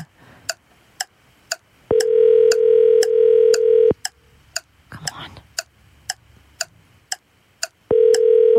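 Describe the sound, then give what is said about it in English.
An outgoing phone call to someone in Fig Tree: the ringback tone sounds in loud, steady two-second bursts with a pause between, while a clock-like tick keeps a regular beat and someone briefly mutters quietly. “Okay, at least this one's ringing.”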